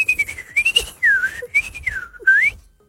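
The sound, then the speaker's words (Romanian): A person whistles a continuous, wavering melodic tune to call birds, gliding up and down in pitch with a few brief breaks, clear with no talking. “Ce se întâmplă când tu fluieri așa?”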